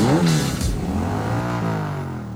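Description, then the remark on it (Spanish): A Yamaha Crux motorcycle engine revs loudly, its buzzing pitch climbing and then holding steady in a continuous drone for a couple of seconds, with no voices. “¿Y si con eso mismo pudieras pagar tu propia moto? La Yamaha Crux es económica y confiable.”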